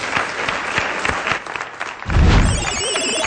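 An audience claps steadily for a guest in a dense, crackling wash of many hands, swelling into a fuller, louder burst of applause near the end.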